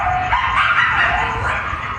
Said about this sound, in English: You ever heard coyotes in the wild, by the way? It's the yipping like that? I've had long conversations with them.